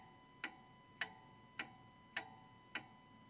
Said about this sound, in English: Sometimes I actually really enjoy turning off the radio and just listening to that ticking clock, and in a sense, I suppose, taking in the silence.